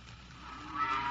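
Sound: cows mooing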